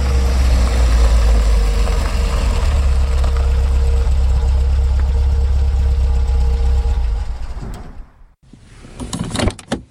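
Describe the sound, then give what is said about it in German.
A second police car's engine idles with a steady low rumble for several seconds, then cuts off abruptly, followed by a brief clunk and rattle like a car door opening as a sheriff steps out. “Aus einem zweiten Polizeiwagen trat etwas unbeholfen, aber mit einer bestechenden Lockerheit Sheriff Andrew Harker.”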